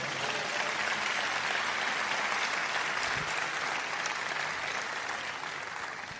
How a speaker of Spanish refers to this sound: ¿Cuánto dan un aplauso a Dios?